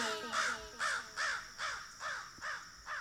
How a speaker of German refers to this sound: Rabe.